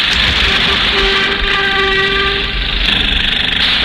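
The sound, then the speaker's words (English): Loud, continuous racket of the building next door being torn down: a dense rumbling clatter of heavy machinery that never lets up, with a sustained whining tone rising out of the din midway through. No one speaks. “They're tearing down the building next door, Runt.”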